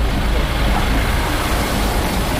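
A steady, rumbling engine drone of three CRS riot police trucks idling in a street on the slopes of the Croix-Rousse, near place Chardonnay, with strong low-end hum and constant street noise filling the background, no voices standing out.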